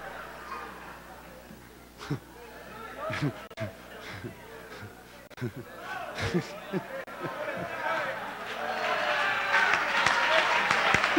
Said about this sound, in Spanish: Hombre de Dios, hermano, denle un aplauso a su pastor.